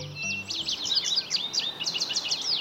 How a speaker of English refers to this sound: Songbirds begin their chorus just before dawn, and many species start looking for food at first light.